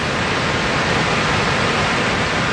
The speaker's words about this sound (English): It's a winter's day, beautiful blue sky, and the spray from high water is blowing towards us. And through the spray, we can see the silhouette of the knife edge, and behind that is the mystery of Mosia Tunya, the Victoria Falls